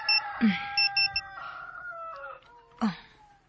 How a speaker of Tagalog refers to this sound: I-off na ko ang alarm sa iyong cellphone.